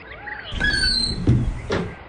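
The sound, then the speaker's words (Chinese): A door creaks and squeals as it is pulled open by someone leaving in a hurry, with a couple of dull knocks and thuds from the handle and frame, and with no one speaking. “大宝说完打开门匆匆地走了。”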